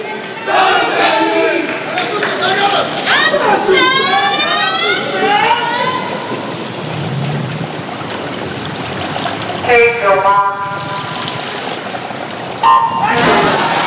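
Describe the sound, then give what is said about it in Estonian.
A large crowd at a swimming arena roars and cheers continuously as a men's swimming race starts, with rising whistles and shouted voices cutting through the steady wash of noise, swelling in bursts. “Publik on samuti aktiveeritud,”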